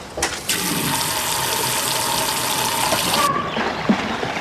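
Water gushes loudly and steadily into an inflated paddling pool in a garden for about three seconds, then cuts off abruptly, leaving a faint trickle and a small splash. No voices.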